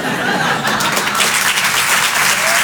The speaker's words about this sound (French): On peut l'applaudir très très fort également.